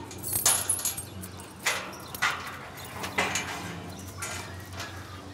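Keys jangle in several short metallic bursts at a gate lock as someone tries to find the right key for the gate of a cattle pen where Watussi cows stand just behind the door. The jangling is bright, with irregular pauses between shakes and a low ambient rumble underneath.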